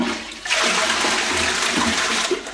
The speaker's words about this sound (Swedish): Det är ju en lyx egentligen att vi spolar renat vatten i toaletten.